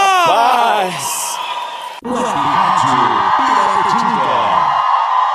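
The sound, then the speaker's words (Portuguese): A loud group of people shouting and whooping happily in answer to a call for whoever is happy to give a shout, one rising cry first, then many overlapping cheering voices joining in a sustained, excited roar. “Quem tá feliz dá um grito!”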